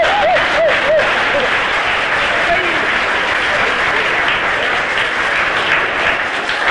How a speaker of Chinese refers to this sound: 这时全场很多观众不得不起立，为我们中国队员取得第一局的胜利而欢呼：中国庄子栋， 庄子栋！